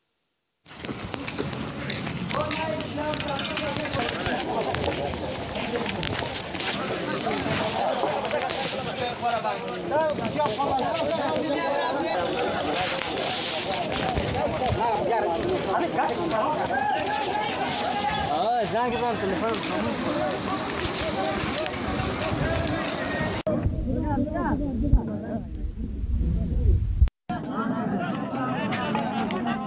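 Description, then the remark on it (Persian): A dense outdoor crowd of protesters in Argo, Badakhshan, shouting and chattering over one another at a roadblock of burning tires, with a steady crackling roar of the fire beneath the voices, continuous throughout before briefly thinning near the end. “در تصاویر دیگری که از ارگوی بدخشان به ما رسیده دیده می شود که معترضان با آتش زدن تایرها مسیرهای رفت آمد را بستند.”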